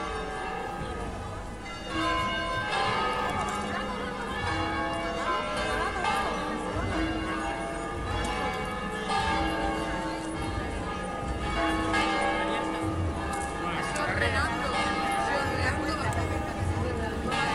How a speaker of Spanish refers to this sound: Suenan de nuevo las campanas.